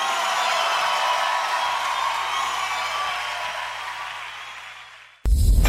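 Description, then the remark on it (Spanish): A crowd claps and cheers loudly and steadily, a dense wash of applause that fades slightly before cutting off abruptly near the end. “ese aplauso fuerte.”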